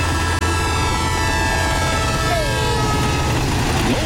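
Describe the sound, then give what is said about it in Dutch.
A train rumbles past with a loud, steady roar and deep low hum, while a high whining tone slides downward partway through. No one speaks. “Die trein dendert mooi door.”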